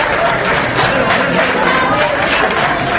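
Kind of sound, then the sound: crowd, applause welcoming a speaker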